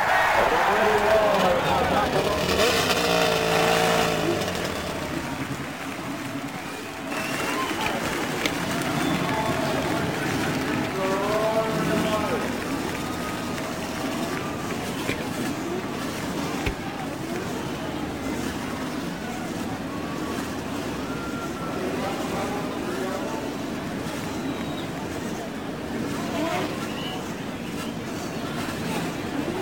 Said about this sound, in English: The roar of over 25,000 horsepower builds from the main straightaway. The crews begin to move away. The men actually remaining with their cars, raising their hands to indicate that they are started.